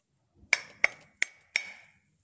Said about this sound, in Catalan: Piquem, aviam com sona la mola. Pica. Aviam si se sent.